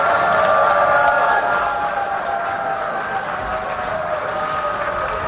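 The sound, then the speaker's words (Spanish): The plenary of the UN General Assembly boos loudly and steadily as Israeli prime minister Benjamin Netanyahu takes the podium to give his speech, a dense roar of many voices holding for several seconds, with scattered clapping mixed into the din and no single speaker standing out. “Así ha reaccionado el plenario con abucheos cuando Benjamín Netanyahu ha subido a la tribuna para pronunciar su discurso.”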